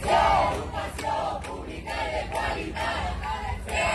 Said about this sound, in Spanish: No opinan lo mismo los profesores que han recibido esta mañana al presidente de la Generalitat, a Juan Fampero Llorca, en Castellón, con estos gritos. Educación pública y de calidad.